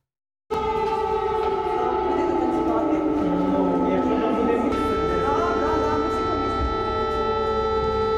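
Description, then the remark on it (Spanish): An air raid siren at a school in Ukraine, alerting to Russian attacks, wails steadily, its sustained tones sliding slowly in pitch, loud and continuous for several seconds after an abrupt start, with a faint background of other noise. “En las escuelas ucranianas ya no se escucha el timbre que anuncia el inicio de las clases, sino las alarmas que alertan de los ataques rusos.”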